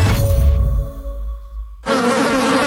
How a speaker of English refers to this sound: There's nothing more annoying than the sound of insects buzzing around, especially inside your house because your screen door is letting them in.